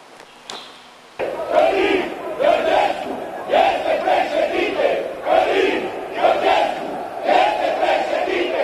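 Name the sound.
protest crowd chanting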